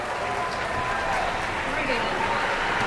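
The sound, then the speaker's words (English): A concert audience at Kresge Auditorium applauds Interlaken's World Youth Symphony Orchestra after the second piece of the program, a dense, steady wash of many hands clapping at an even level throughout, with a faint speaking voice underneath. “We're already getting a lot of applause, and it's only the second piece of tonight's program.”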